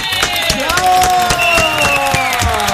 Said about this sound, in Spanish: Un aplauso gigante para nuestra querida Arely Senao